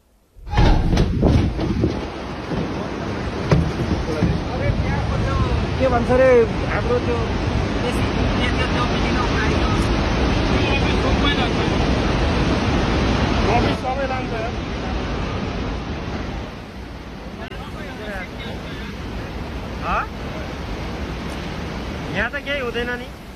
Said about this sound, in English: it's incredible that we're still seeing and receiving new video of this wave of water that comes down